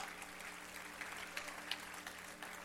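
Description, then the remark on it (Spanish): A church audience applauds loudly for Jehovah, a dense wash of clapping with a few sharper claps standing out, sustained at an even level throughout without any talk. “Aplauda fuerte a Jehová.”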